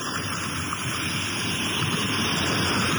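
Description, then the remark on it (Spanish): Gentle sea waves wash steadily onto the shore at Chelén at a somewhat high tide with almost no wind, a continuous rushing hiss with little rise and fall, fairly loud, with no voices. “Las olas, pues, no muy pronunciada, un poquito fuera de lo común, no hay viento, podemos observar muy poco viento tenemos por acá, así que podemos decir que estamos tranquilos a toda la gente que nos ve.”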